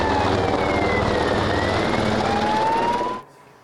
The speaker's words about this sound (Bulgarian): Огнеборците разчитат на десетки специализирани автомобили, а за гасене от въздуха бяха изпратени и хеликоптери.